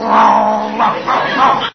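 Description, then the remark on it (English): A man down on all fours imitates a dog's growl, a low, rough, sustained rumble with a few surging swells, fairly loud, ending abruptly. “He growls, so I'll growl.”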